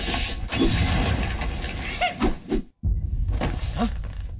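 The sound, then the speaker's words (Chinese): A golden cymbal is smashed apart by Sun Wukong in a loud shattering crash that roars on for a couple of seconds, cuts out briefly, then bursts again with more rumbling, breaking noise. “不好了，大王， 那孙悟空打碎了金脑”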